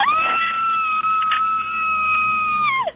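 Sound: person screaming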